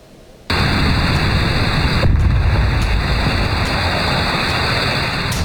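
Explosions at a burning oxygen filling plant in Salihli, Manisa: a sudden loud blast breaks in, followed by a second thud and a continuous, heavy roar that stays loud throughout, with no voices.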